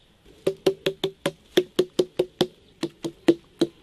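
Hollow, resonant knocks on a Gochang watermelon in Korea, tapped to test ripeness: about sixteen raps in quick uneven bursts, each a dull low thump with a short ring. No one speaks.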